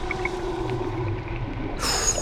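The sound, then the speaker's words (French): Underwater ambience with a steady low rumble and faint high whistles as a dolphin dives and descends toward the seabed, then a sudden bright burst of dolphin squeals and clicks near the end. “Le dauphin vient de plonger et descend vers le fond.”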